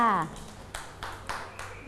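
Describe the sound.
Children clap their hands in a short, steady rhythm of about four claps, following a brief voice at the start; the clapping is moderately loud and close by.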